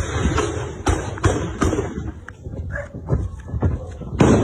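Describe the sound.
Several sharp, sudden gunshots crack out in an irregular burst, three or four close together and another after a pause, over a noisy background with indistinct voices; military police firing during a staged fake robbery in Ceará, Brazil, filmed by a teenager.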